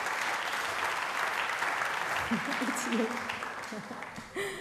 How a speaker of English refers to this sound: So, ladies and gentlemen, a round of applause